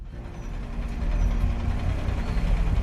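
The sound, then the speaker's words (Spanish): A large bus engine idles in Tunisia, one of many buses brought between 4 and 5 o'clock to take away people arrested by security forces. It is a steady low rumble with a droning hum that grows slightly louder after the first second and holds evenly, with no voices. “Entre las 4 y las 5 trajeron muchos autobuses.”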